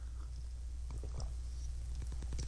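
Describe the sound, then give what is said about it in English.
Quiet mouth noises of a radio DJ sipping water and swallowing on air during a show on Ultimate Radio, with a few soft wet clicks and gulps in two short bursts over a low steady background hum. No one speaks. “Excuse me, I gotta take a little sip of water here.”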